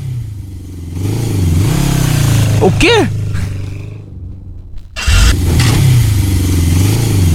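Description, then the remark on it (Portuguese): A loud motorcycle with a noisy exhaust roars past late at night, dips briefly, then surges again with a deep, rumbling drone. A voice asks a short question partway through. “Quando me passa um raio do motoqueiro, é daquele escapamento barulhento, a visita acordou achando que era tiro.”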